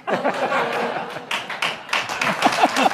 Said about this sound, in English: That gets applause.